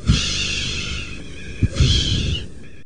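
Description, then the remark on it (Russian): A long, steady exhaling breath that streams out as a breathy hiss for about three seconds, with a faint whistling edge and a slight surge midway. No one speaks. “Но руах постоянно выдыхает.”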